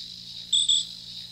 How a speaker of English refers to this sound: Little crickets, little night stuff, I guess. Maybe early morning. I hear this stuff early in the morning, out walking the dog.